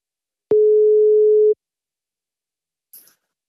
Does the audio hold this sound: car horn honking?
no